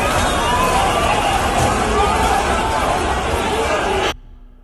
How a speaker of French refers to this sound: Some loudness. Juste du volume et de la panique. What is happening? And qui a lancé un mouvement de foule. Out of that panic, the stampede started.